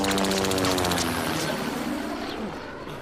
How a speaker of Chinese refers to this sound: 敌机来了，大家隐蔽！